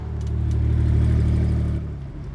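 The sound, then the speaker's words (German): A car engine revs with a deep, throaty rumble, loud, holding steady for a couple of seconds before easing off and dropping in volume near the end. “Das ist der Wagen, der mich fast umgebracht hat.”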